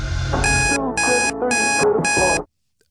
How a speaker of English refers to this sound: tell me what's the alarm